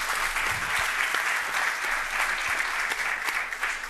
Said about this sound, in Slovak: Môžete mu dať potlesk.